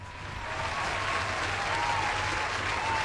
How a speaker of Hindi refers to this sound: ये तालियां जो है धूमधाम से बजती रहनी चाहिए क्योंकि मैं बात कर रही हूं द मेंटलिस्ट सुहानी शाह।